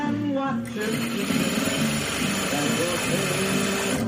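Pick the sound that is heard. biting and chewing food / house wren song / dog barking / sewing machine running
sewing machine running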